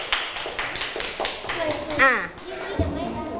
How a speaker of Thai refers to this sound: เห็นด้วยกับเพื่อนที่เพื่อนตอบไปไหมคะถ้าเห็นด้วยปรบมือให้เพื่อนหน่อยค่ะ